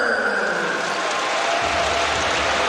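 A large crowd at a basketball game applauds steadily for Tucker after he drew fouls in the first quarter, a dense wash of clapping and cheering that stays loud and even throughout, with no clear voices standing out.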